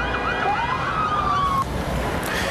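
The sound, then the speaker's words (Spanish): A police riot vehicle siren wails with a rising, sweeping tone that cuts off after about a second and a half, over a dense, loud wash of street noise with no voices, as police use riot vehicles and water cannons to disperse a demonstration in Santiago heading to the Palacio de la Moneda. “manifestación en la capital, Santiago, ha intentado llegar al Palacio de la Moneda, donde despacha el presidente José Antonio Kast, pero se topó con el control de la fuerza pública, que usó carros antidisturbios y chorros de agua para dispersarlos.”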